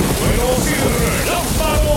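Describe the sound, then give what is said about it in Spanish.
Steady, dense rainfall hisses, with faint voices murmuring underneath the constant wash of falling water. “¡Con lluvia!”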